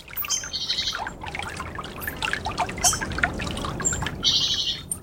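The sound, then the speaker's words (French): Birds sing and chirp in bright, repeated phrases over a steady background of trickling, splashing water, with no voices present, the calls lively throughout. “ça peut être le chant du rossignol. Dans les zones humides, le chant des grenouilles, les clapotis dans les roselières, voilà.”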